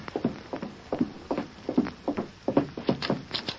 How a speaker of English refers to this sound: As they were about to get ready for bed, someone knocked at the door.